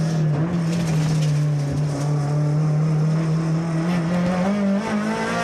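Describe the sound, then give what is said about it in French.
A race car engine screams at high revs, its steady, loud drone climbing slowly in pitch as it accelerates, continuous for several seconds with no voices. “Quel bonheur de l'entendre à 8008 ce moteur.”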